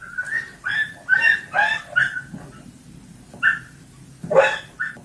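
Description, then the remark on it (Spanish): A dog yelps and cries out in a rapid series of sharp, high-pitched squeals as a man hits it in the back of a van in San Bartolomé, Lanzarote, pausing briefly before another burst of pained yelps, loud with no talking. “Tal vez han podido ver el vídeo en el que un vecino de San Bartolomé propina golpes a un perro, lo hace en la parte trasera de una furgoneta.”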